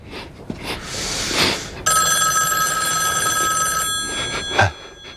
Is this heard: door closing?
no